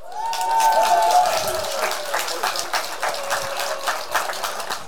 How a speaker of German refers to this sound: Also ich habe beiden viel, viel zu verdanken. Und daher kommt jetzt ein Applaus für euch beide.